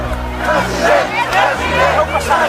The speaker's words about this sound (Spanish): Fue recibido así, a gritos de president, president, pero esos gritos eran en 2000.